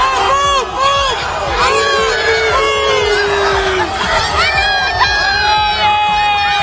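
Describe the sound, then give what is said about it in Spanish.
A dense crowd of fans screams and cheers continuously as they receive Cristiano Ronaldo, with many high-pitched shrieks and shouts overlapping loudly throughout, unbroken. “Así recibían ayer a Cristiano Ronaldo.”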